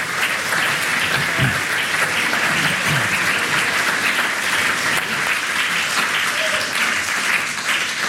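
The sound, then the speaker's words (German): An audience applauds steadily for about eight seconds, a dense, even wash of many hands clapping at a constant loud level with no voices breaking through. “Applaus wäre es von mir.”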